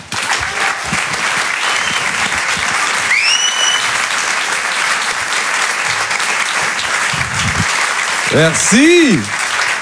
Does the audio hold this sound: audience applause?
yes